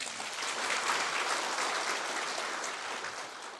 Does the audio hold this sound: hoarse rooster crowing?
no